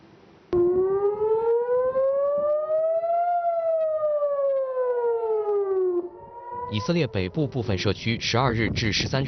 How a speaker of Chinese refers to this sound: 以色列北部部分社区12日至13日早拉响防空警报，以空军称多次拦截从黎巴嫩越境进入以色列的敌对飞行物。